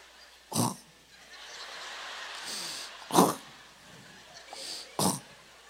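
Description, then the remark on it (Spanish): A voice imitates a woman's loud, rasping snores: three harsh snorting bursts spaced a couple of seconds apart, with softer breathy intakes between them and no other sounds. “Luego roncó, pero un ronquido, yo creo que de acuerdo a su textura y tamaño, un ronquido.”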